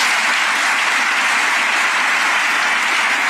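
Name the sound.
applause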